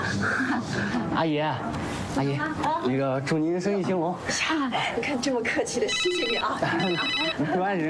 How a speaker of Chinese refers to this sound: 来电话，嗯，哟，一朵来电话了